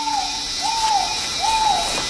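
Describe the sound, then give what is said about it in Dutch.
A trogon calls in a series of three soft, hooting notes, evenly spaced, over a steady high-pitched insect drone. “zijn dicht in de buurt van een trogon. Een bijzonder kleurrijke vogel die tegenwoordig alleen in tropische gebieden leeft.”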